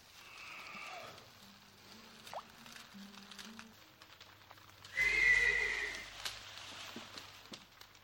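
Horses neigh restlessly past midnight: a faint whinny at the start, then a louder, drawn-out neigh midway, over a soft patter and low rumbling background with no talking.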